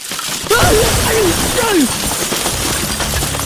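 A house collapses with a loud crash of debris, shattering, rumbling noise filling the whole clip, while a voice cries out briefly over the chaos.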